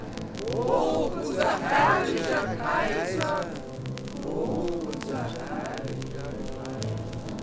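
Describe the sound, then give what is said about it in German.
A crowd cheers for the emperor as he walks out in procession, a dense swell of overlapping shouting voices rising to loud peaks early on, then settling into a steady, excited roar that carries on to the end. “Der Kaiser hielt sich sehr gerade und das Volk jubelte.”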